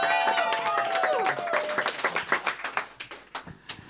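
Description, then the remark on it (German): A live audience applauds in a dense burst of clapping, with a brief whistling cheer early on, then the applause thins out into scattered individual claps before fading. “Auch hier nochmal ein ganz großer Applaus und ein Dankeschön an Hans”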